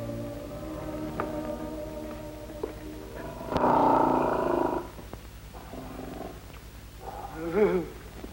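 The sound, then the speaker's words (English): A lion purrs in a low, continuous rumble, swelling into a louder, rough growl for about a second midway before settling back, with another brief growling flare near the end. “will face any lion, living or dead, and spit in his blooming eye.”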